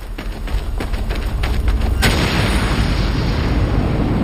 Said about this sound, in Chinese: 弹药库被炸上天时，二人仍然在爆炸区域内。